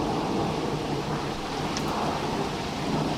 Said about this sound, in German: Boah, da haben sie ein richtiges Gewitter da oben, oder? Wow. Ah, jetzt wird's besser, das Gewitter. Jetzt wird's besser.